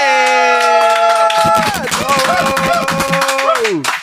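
A long held tonal note rings out alone, then a dense burst of audience applause for the musician who played breaks in and continues under it before the note slides downward and fades.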